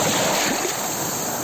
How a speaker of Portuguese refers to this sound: Así soan as ondas na praia de Laxe.